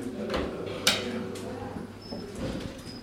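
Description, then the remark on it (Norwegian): The door to a hospital emergency room is opened indoors with a sharp click and a soft sliding clatter, over a steady low mechanical hum and faint muffled voices. “Og den snor vi åpnet døren til? Det er skadestua det også.”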